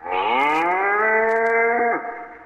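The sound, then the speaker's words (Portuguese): A single long, loud moo from a herd of 50 head of cattle driven by an old backcountryman, steady for about two seconds before it drops off at the end, with no voices around it. “Foi quando surgiu o velho sertanejo à frente de uma manada de 50 cabeças de gado que ele fora buscar.”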